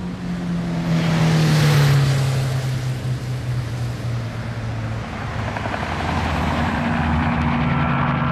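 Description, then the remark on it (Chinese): A Ford car's engine roars steadily as the driver starts it and speeds off toward Minggugong airport. Its pitch rises and then slides lower as the car accelerates away, with a broad rushing noise throughout and no voices. “驾驶员问也不问，默契地发动车子，飞速朝着明故宫机场驶去。”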